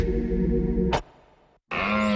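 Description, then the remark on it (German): A stag deer's deep, loud rutting bellow rings out for about a second, harmonic-rich, then fades into a short silence before another loud, throaty burst begins. “Der Hirsch röhrt ist Jagdfinale bei Little John Bikes.”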